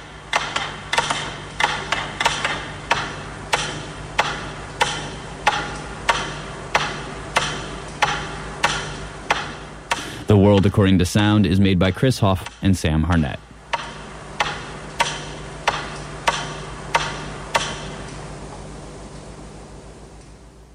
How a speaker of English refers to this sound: Eventually, there are only a handful left ticking. And then, just one final metronome.